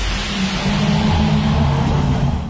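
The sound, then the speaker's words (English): A ute's engine revs loudly and steadily, its deep rumbling drone holding throughout with slight rises in pitch, no voices over it. “Well, hey there, bro. Nice truck you got.”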